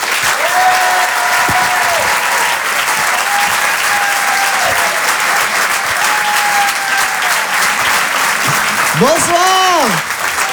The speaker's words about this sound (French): Rire et Chanson, Comedy Club. Je vous demande un tonnerre d'applaudissements s'il vous plaît pour Inno JP.